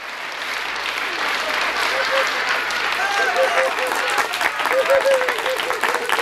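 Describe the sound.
An audience applauds at the end of the afternoon Kasperl puppet show at the Schichtl, dense overlapping claps forming a loud, even wash of noise for several seconds, with a few voices briefly calling out over it.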